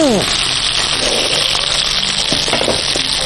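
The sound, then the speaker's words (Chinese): Steady, loud sizzling of chicken pan-frying in a hot pan until about seventy percent cooked before later braising, a continuous crackling hiss with occasional soft clinks of utensils, and faint voices in the background. “基本上煎到七成熟，待会还有一个进行一个烧制。”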